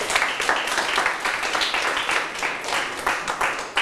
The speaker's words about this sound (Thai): เก่งมากๆเลยครับปรบมือให้ตัวเองดังๆได้เลย